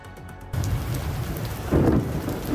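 Steady rain hisses over a deep, rolling rumble of thunder, which swells louder partway through; no voices, just the storm after a brief quieter start. It is an electric storm that forced the cancellation of Spain's last training session before the final.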